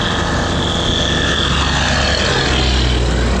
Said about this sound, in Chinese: 轰鸣的飞机声70多年后再次回荡在古城上空。